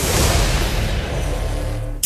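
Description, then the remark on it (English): A beer can being opened: a loud, rushing fizz of escaping gas that gradually thins out, then a sudden sharp burst of noise right at the end, with no voices. “It was a beer.”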